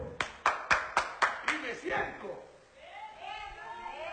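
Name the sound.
audience clapping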